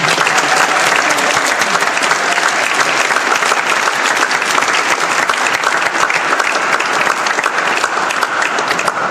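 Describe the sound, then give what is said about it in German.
Sustained audience applause, a dense, steady wash of many hands clapping at an even loudness for about nine seconds, with no talking over it. “Einen Applaus bitte.”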